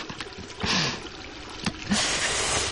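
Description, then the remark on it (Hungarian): Water splashes and rushes in uneven bursts, with two louder gushes standing out over a steady background wash, as a bathroom tap is turned on and splatters into a basin while a toothbrush is wetted for brushing teeth. “Kinyitom a csapot, hogy apa hallja a csobogást.”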